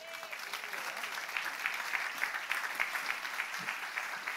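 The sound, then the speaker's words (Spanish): A church audience applauds its young people and children on Father's Day, a dense, even wash of many hands clapping that holds at a constant level from start to finish, with no speech rising above it. “Vamos, que se oiga más fuerte ese aplauso para nuestros jóvenes, nuestros niños.”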